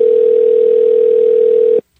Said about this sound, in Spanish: Lo siento mucho, dejamos que ese teléfono sonara hasta el final y mire que no nos contestó.